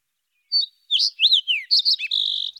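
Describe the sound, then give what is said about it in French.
A sparrow chirps in a quick series of bright, high, clear notes and short trills, ending with a rapid buzzy twitter, with no talking. “à la recherche du moineau conteur, car oui, cet opéra est dans le bec d'un moineau”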